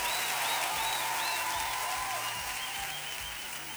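Loud, sustained applause from a large crowd, a dense steady wash of clapping that fills the whole stretch, with a few faint cheers or whistles rising above it.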